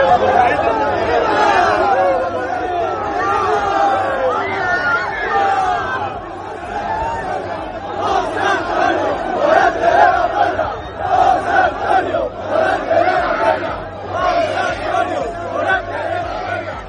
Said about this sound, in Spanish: por la puerta del Príncipe de la Maestranza, a hombros de una multitud de aficionados que no dudó en agasajarlo con vivas, aplausos y gritos de su nombre. Tal fue la intensidad del momento que la multitud lo llevó a hombros hasta el Hotel Colón.